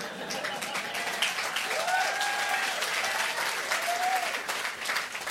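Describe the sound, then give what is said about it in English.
An audience applauds steadily for several seconds, a dense, even wash of many hands clapping, with scattered voices and brief whistle-like tones rising above it. “Well, then I'll continue for those of you who didn't applaud.”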